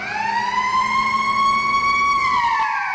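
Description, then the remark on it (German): A market hall's first siren of the night sounds at exactly 3 a.m. as the hall opens: a loud, steady wail, its tone holding high and then sliding slightly downward near the end, with a faint low rumble beneath and no voices. “Die erste Sirene ertönt um Punkt 3 Uhr.”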